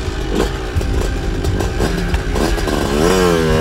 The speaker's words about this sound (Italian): inaspettatamente il motorino parte e va via da solo.